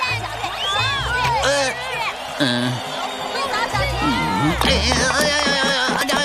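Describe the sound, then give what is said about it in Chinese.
A loud stadium crowd jeers and chants together at the team Xiaohu Dui, shouting accusations of match-fixing, many voices overlapping in a steady, rowdy roar that keeps going from start to finish with shouted rises and swells. “打假赛的球队，不会赛吧？小虎队！ 哎呀，观众是怎么了？”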